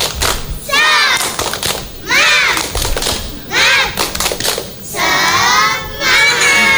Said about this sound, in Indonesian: Baiklah teman-teman, supaya semangat, kita akan awali dengan tepuk semangat. Tepuk semangat.